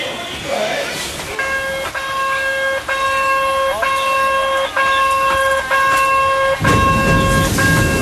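A small retro forest train full of residents and tourists in a national forest park gives about six steady, evenly spaced horn toots, loud over faint background chatter, then a rushing mechanical noise swells as the train starts off.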